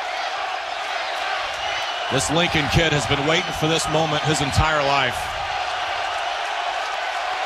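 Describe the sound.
A stadium crowd at a baseball game roars in a steady, dense wash of cheering that runs the whole way through, while a man's excited voice speaks over it for a few seconds in the middle.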